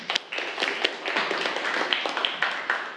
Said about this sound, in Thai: ครับปรบมือกับเพื่อนเลยครับนักเรียน